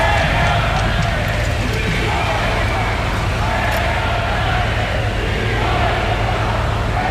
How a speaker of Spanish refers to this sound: El desfile militar en la Castellana nos ha vuelto a dejar un sinfín de abucheos y de pitidos.